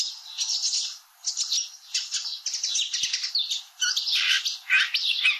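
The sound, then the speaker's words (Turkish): A songbird's busy, continuous stream of high chirps and harsh notes, with a marsh warbler mimicking a pratincole's call, clear with brief pauses between bursts. “Şimdi çalıkamışçıların da aynı bölümü çalıyorum.”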